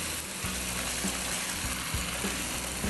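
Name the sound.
oil sizzling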